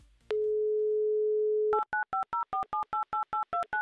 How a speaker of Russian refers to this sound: Ждите моего звонка. Набираю ваши цифры вашего номера телефона.